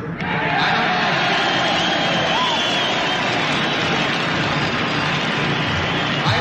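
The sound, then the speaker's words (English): A huge crowd of about 500,000 people at a three-day music festival roars and cheers in a steady, dense wash of noise that holds for several seconds, loud and continuous with no distinct voices standing out. “This is the largest group of people ever assembled in one place.”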